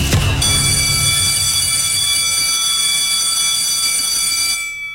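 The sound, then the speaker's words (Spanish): A loud electric school bell, opening La Tardeada de la Mexicana on radio station La Mexicana, XHPLA 91.3 FM, rings continuously for about four seconds, a harsh, steady metallic clang with bright overtones, then cuts off abruptly. No one speaks. “¡Ya llegó el timbre!”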